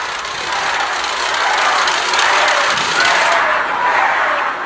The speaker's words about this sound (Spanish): El evento se llamaba Honestidad y Resultados y se encontró con un grupo de asistentes que le gritaron de esta manera, que la abucharon.